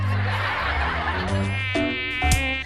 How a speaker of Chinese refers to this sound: 老公，咱家有蚊子，你看我胳膊上都咬了好几个包了。